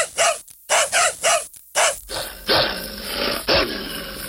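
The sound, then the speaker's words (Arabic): Dogs bark loudly in a quick run of about five sharp yaps, then keep barking and growling over a rough, noisy background. “لا تخافي لا تخافي، هذه كلاب فقط صوتها عالي.”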